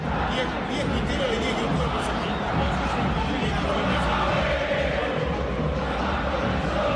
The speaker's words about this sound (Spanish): es un grito de guerra de la gente de River cuando River no está bien.